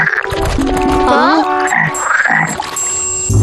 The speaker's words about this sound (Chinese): 青蛙们好像在合唱。